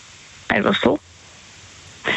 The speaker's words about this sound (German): Weil jetzt regnet es gerade und es regnet so brutal.